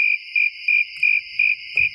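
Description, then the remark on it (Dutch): A steady, high-pitched cricket chirp pulses in a regular rhythm, about six evenly spaced bursts over a continuous shrill trill, with no voices. “Alleen maar krekels.”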